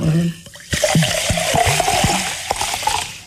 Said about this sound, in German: Das wäre zum Beispiel ein geräuschvoll hergestelltes, geräuschvolles Lebensmittel. Das Sprudel gehört, glaube ich, zum Genuss von sprudelndem Mineralwasser auch dazu.